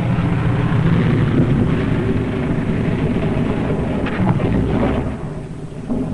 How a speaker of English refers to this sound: 3 hours later, at the base, the crippled plane comes into sight. Men peer closely, tense, hushed, as they see the starboard prop dead. One engine landing is tricky at best. With skis on ice, hold your fingers crossed for the pilot.